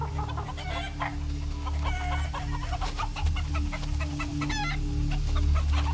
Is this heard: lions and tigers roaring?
no